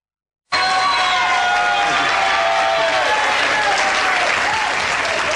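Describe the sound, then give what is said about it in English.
The Soul Train Gang crowd on the Soul Train show bursts into loud, sustained applause after a brief silence, with high whoops and shouted cheers riding over the steady clapping throughout. “So as you can tell by the shouts of the Soul Train Gang, how glad we are to have you here.”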